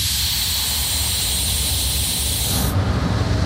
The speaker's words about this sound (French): Clément est en train de freiner fort.